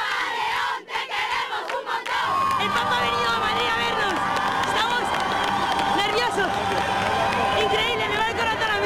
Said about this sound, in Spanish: La acogida ya se sentía en el corazón de la capital, donde el pontífice saludó a los fieles que a su paso ondeaban banderas, pañuelos blancos y cantaban al unísono.